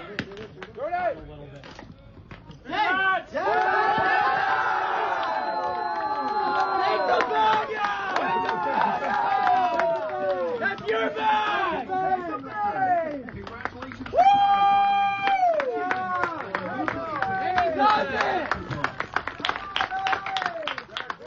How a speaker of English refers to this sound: Big round of applause from his teammates and some of the fans in attendance as well. You heard one of the fellas say, pick the bag up.